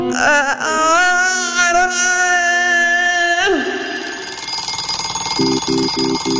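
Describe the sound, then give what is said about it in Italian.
A wavering, wailing tone gives way to an alarm clock ringing in a steady, bright clatter, with a few short rhythmic beeps pulsing in near the end. “La sveglia suona.”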